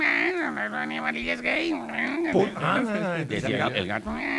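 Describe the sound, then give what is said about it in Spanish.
A person imitates a cat with a string of drawn-out, wavering vocal meows, fairly loud, the pitch sliding up and down over a few seconds. “El gato maullaba así.”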